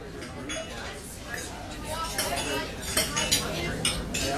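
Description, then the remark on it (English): Dishes and cutlery clink and clatter at a dinner party, with several sharp metallic taps and scrapes over a steady murmur of indistinct voices chatting in the background. “Can you tell if the leftovers from this dinner party are beginning to grow bacteria that could lead to severe diarrhea, vomiting, and stomach cramps?”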